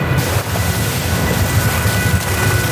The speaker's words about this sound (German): Das Wasser spritzt in alle Richtungen und verstehen kann man nichts mehr.